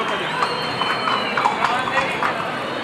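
The hooves of a Lusitano-Arab cross horse with its tail tied up strike in a quick, uneven rhythm as it comes out, about seven clear clops over a few seconds, moving at a brisk pace against a steady, noisy background wash.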